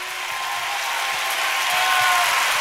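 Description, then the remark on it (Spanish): Steady audience applause given by those who believe what the preacher said is true, a dense wash of many hands clapping at once with no distinct rhythm, holding loud throughout and swelling slightly toward the end. “El que crea que esto es verdad, levante su mejor aplauso.”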